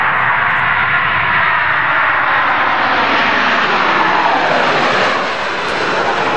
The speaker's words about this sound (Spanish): Avión. Avión, sí. Avión.